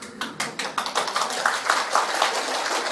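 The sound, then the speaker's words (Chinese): An audience claps hands together in a steady burst of overlapping claps. The sharp, crackling hits blend into a continuous patter of applause at moderate loudness, with no voices. “拍手表示大家愿意修了啊！”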